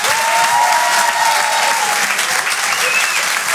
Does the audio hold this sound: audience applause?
yes